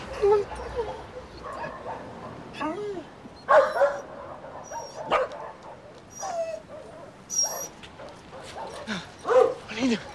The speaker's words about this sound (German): hier sind jede Menge Hunde. Aber wir suchen nicht irgendeinen Hund.